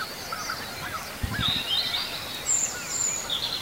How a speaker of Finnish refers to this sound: Ja punarinta. Joo.